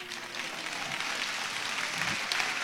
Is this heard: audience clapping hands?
yes